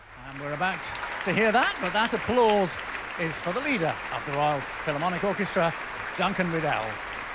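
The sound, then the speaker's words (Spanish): Steady applause from a concert audience at the Royal Albert Hall fills the whole clip as a dense, even wash of clapping, welcoming the Royal Philharmonic Orchestra's concertmaster Duncan Riddle and conductor Vasily Petrenko, with a man's voice speaking clearly over it throughout. “Sonaban los aplausos para recibir al concertino de la Royal Philharmonic Orchestra, Duncan Riddle.”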